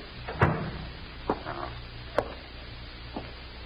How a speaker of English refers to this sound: Now, let me close the door.